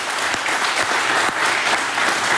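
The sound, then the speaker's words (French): Steady, dense applause from a crowd that includes a Vaudigny under-16 team, many hands clapping continuously at an even, fairly loud level with no voices standing out. “Ça va, j'entends les applaudissements et je me rappelle qu'il y a les U16 de Vaudigny qui vont s'encourager, surtout applaudir.”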